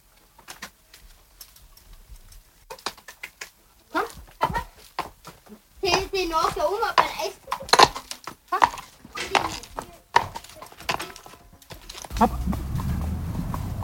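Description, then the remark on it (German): Horse hooves clip-clop at a steady walk as a harnessed carriage horse is walked a few meters to warm up, a string of sharp knocks with a person talking over them partway through and a low rumble building near the end. “So, wie gesagt, jetzt gehen wir mal ein paar Meter im Schritt, gell, dass ich das Pferd eben aufwärmen kann.”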